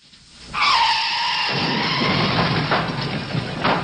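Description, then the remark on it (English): A car's tires screech loudly in a long skid, then the squeal gives way to rough, grinding crunches and scattered bangs as the car is deliberately crashed through the ground floor of a building in a filmed stunt. No one speaks. “That car crash into Molly's Reach is the biggest stunt ever tried by the Beachcombers.”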